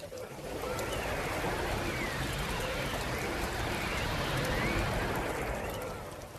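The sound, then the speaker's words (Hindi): Steady autumn rain, falling along with snow, pours down in a dense, hissing wash, with wind gusting and whistling faintly through it. The sound fades in, holds evenly, then fades away, with no voices. “जॉनसी खिड़की की ओर टकटकी लगाए बैठी रही और इस दौरान बर्फबारी के साथ पतझड़ के मौसम की बारिश शुरू हो गई। साए साए आंधी चलने लगी।”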